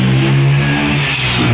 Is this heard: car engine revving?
yes